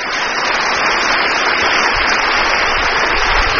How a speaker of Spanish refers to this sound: ¡Aplauso para nuestros pastores!